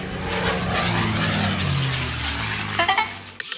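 A loud airplane engine roars steadily for a few seconds, with deep rumbling tones sliding downward beneath a broad hiss, as if a plane is powering up, then it cuts off abruptly.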